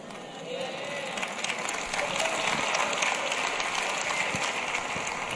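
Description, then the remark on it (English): An audience claps in a dense, crackling patter of many hands at a fairly steady, moderate level for several seconds, the claps getting lower and lower, with no clear voices rising above it. “Do y'all see, can y'all tell how the claps are getting lower and lower and lower?”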